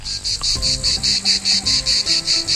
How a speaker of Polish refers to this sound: I wtedy włączają się one. Cykady. Całym chórem. Jak na zawołanie. No i co tu zrobić, kiedy dookoła taki dźwięk się rozlega?